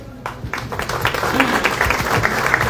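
Loud audience applause in Tacaná for a nun after her words of welcome, a dense crackle of many hands clapping that starts abruptly and holds steady throughout, with faint murmuring voices beneath it.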